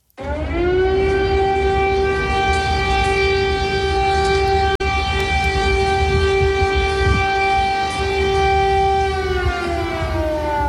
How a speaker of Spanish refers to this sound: Esto es el sonido real. Es el sonido real en Kiev, en la capital de Ucrania. Corresponde a las sirenas que avisan de un peligro inminente.